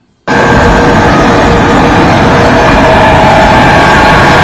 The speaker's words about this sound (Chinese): 哎呦，这个也太响了，这个 那个风电子风扇， 电子风扇啊， 是它温度过高，现在看它那个风扇， 它这个是不是有异响了？这个 它高速响，如果低速应该是没这么响的，它温度越高它风扇转得越快，越快就会响。